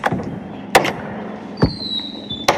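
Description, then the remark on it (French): A heavy, massive old door of the former outbuildings in the lower courtyard of the Château de Virieux, north of Lac de Paladru, opens with three loud wooden clunks spread over a couple of seconds, and a thin, high hinge squeal drawn out between the last two knocks. “Comme cette porte massive des anciennes dépendances situées dans la basse-cour, la première cour du château, la cour extérieure.”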